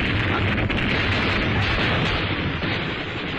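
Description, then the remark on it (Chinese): Machine gun fire roars loud in a dense, continuous barrage as bullets shatter a car's windows and the car abruptly stops, heavy rattling bursts blending into a rumbling wall of noise that never lets up, with no voices. “话音刚落，机枪声骤起，子弹打破车窗，汽车戛然停下。”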